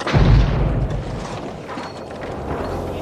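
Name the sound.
car bomb explosion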